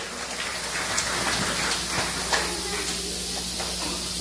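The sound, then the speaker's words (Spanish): A steady wash of applause from many hands, dense, crackling clapping that holds at an even, fairly loud level for several seconds without letting up. “Si cojiectic ya fuerte los aplausos, chique, chique cajao Dios.”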